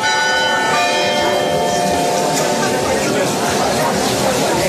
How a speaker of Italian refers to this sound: sentite in sottofondo le campane di Fatima del santuario?